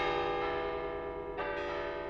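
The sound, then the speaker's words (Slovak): Several church bells ring together in a full, sustained peal, their overlapping tones droning steadily with a fresh strike swelling in partway through; no voices. “A potom boli aj iné udalosti, keď sa rozozneli zvony.”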